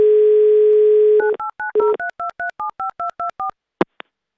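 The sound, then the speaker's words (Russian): A steady telephone dial tone hums for about a second, then a quick, even run of around a dozen beeping keypad tones dials a number, ending with a brief sharp blip, as a call is placed on air to a listener from Moscow Oblast. “Так, тихо. Пока гудок.”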